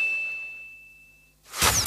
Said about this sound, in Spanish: Sonó la campana para el segundo round.